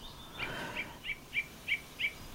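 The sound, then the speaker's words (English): A bird sings a steady run of about six short, bright whistled chirps, evenly spaced, over a faint background hiss with no talking. “We're going to let some birds sing for a little bit, and here it goes.”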